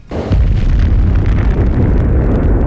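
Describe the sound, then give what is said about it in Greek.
A loud explosion of a Russian drone falling into an open-air parking lot in Kyiv bursts in suddenly and sustains a heavy, rumbling roar with crackling debris for a couple of seconds, no voices heard. “Από θαύμα, Ουκρανοί γλιτώνει από ρωσικό ντρόουν που πέφτει σε υπαίθριο πάρκινγκ στο Κίεβο.”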